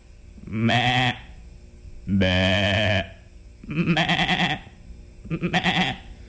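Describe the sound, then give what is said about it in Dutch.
Four sheep bleats in a row, each a loud, wavering baa lasting about half a second to a second, with short pauses between them and no talking. “Vader Isaïe had een heleboel schapen.”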